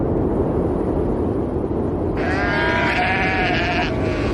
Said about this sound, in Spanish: Pues esto que estás escuchando son los sonidos que vas a encontrar. Viento y ovejas, básicamente. Mira, las Feroe son un puñado de 18 islas volcánicas perdidas en mitad del Atlántico Norte.